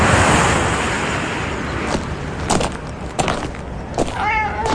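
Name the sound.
stray cats meowing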